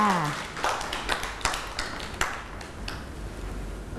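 A group of children claps their hands in a loose, uneven patter of sharp slaps, a few louder claps standing out, after a brief voice at the start.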